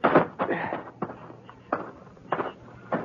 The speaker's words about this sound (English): I walked up the front steps and tried the door. It wasn't locked.